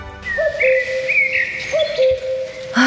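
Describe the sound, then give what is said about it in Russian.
A cuckoo calls twice, each call a clear two-note falling "cu-ckoo" whistle, evenly spaced, with faint higher tones and a soft background hiss. “Кукушка, кукушка, сколько лет нам копить первый взнос на квартиру в первом ДСК?”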